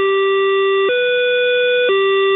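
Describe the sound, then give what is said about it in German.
The door-closing chime of an older Berlin commuter train series: three sustained electronic tones in a row, the middle one slightly higher, loud with no voices over it. “Der Türschließ-Dreiklang passt ja nicht ins EU-Recht und muss bei jedem neuen Zug durch Piepsen ersetzt werden.”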